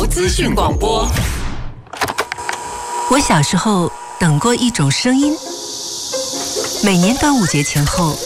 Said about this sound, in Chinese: 我小时候等过一种声音，每年端午节前后第一声蝉鸣，听到那一刻就知道夏天真的来了。阳光透过树叶，空气里都是热腾腾的感觉。